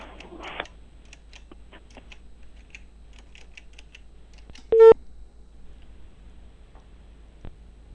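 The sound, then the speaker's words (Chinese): A telephone number is dialed again, calling a township government office phone during a live Inner Mongolia Radio and Television broadcast: a run of soft, quick key clicks spread across the moment, then one short, loud electronic tone, with no one talking. “电话再次播出。”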